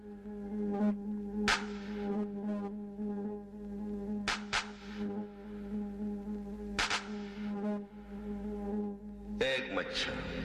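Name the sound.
mosquito buzzing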